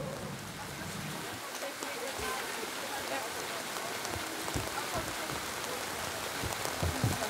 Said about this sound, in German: So, hier ist trocken. Ja, super. Warum regnet es jetzt? Das finde ich total schade.